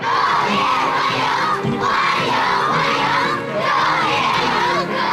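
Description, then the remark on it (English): A large crowd of schoolchildren cheers and shouts together as Vladimir Putin arrives at the Great Hall of the People in Beijing, a loud, continuous high-pitched roar of voices with rhythmic swells, as if chanting in unison, and no single voice standing out. “A crowd of schoolchildren cheer as Vladimir Putin arrives at the Great Hall of the People.”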